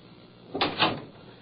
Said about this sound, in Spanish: Cierra la puerta.